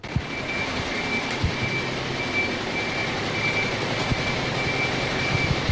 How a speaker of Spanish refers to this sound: Nuestro oído identifica al camión de la basura, porque además del motor, suena ese característico pitido.